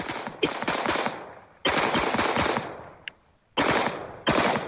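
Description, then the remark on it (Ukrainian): Rapid bursts of machine-gun fire from soldiers shooting down drones crackle in several long volleys, each a dense stream of sharp cracks, separated by brief pauses and one isolated faint pop. “І знову військовослужбовці збивають безпілотники.”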